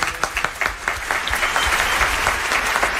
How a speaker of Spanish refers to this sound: Hoy, además, estamos inaugurando los palcos nuevos. No pudimos estrenar estas dos últimas semanas porque surgieron unas humedades bastante incómodas. Los ocupantes de los palcos nuevos, aplaudan, por favor, para que se les escuche por la radio.